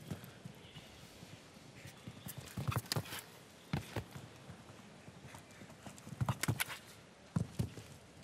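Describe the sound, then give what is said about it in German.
Irregular thudding hoofbeats of a show-jumping horse, an offspring of Emerald, on soft ground, clustered in quick bursts with brief pauses over a steady outdoor background hiss. “auch wie das Pferd durch den Körper hindurch noch einmal drückt, dieser Emerald-Nachkomme.”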